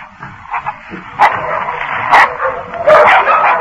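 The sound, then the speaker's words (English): Dogs bark and snarl aggressively as they attack a man, with a few sharp, loud bursts over a continuous rough growling that fills the whole stretch, no voices present. “Before they arrived, the dogs renewed their attack on Drury.”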